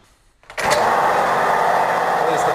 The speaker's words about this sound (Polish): Pierwszy element, na razie uruchomiliśmy silnik, a teraz uruchamiamy krosno.